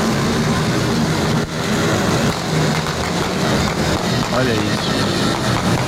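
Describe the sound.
A loud, continuous roar of many motorcycle engines revving together on a street in Neves, riders popping wheelies, most without helmets, rising and falling without pause, with a brief spoken remark over the din.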